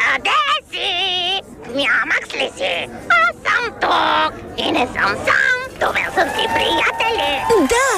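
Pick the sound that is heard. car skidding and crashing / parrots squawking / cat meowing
parrots squawking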